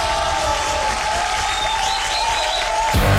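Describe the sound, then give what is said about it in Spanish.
Dense, steady applause from a crowd, a continuous wash of clapping at an even loudness for about three seconds, with a faint sustained tone beneath it before it cuts off. “Este es un aplauso para ustedes.”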